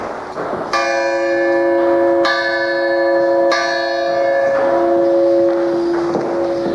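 A single late-17th-century church bell tolls five times at a slow, steady pace, each loud strike ringing out with a rich, lingering hum that overlaps the next. No voices are heard.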